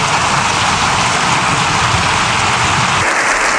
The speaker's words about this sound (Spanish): Lo que escuchas, Jorge, es el aplauso prácticamente unánime de un Congreso de los Diputados habitualmente instalado en la polarización buscada.